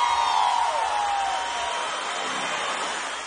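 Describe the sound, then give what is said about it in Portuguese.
A crowd in Lages roars and cheers in a steady, broad wash of noise, with scattered whoops and shouts rising above it at the start before the din slowly eases. “Solta o grito, eu quero ouvir aí, Lages!”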